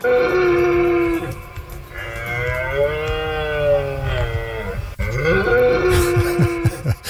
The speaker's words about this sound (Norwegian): For sånn kommer det til å høres ut rundt omkring i norske skoger fremgjørende, for nå skal hjorten ut og brøle.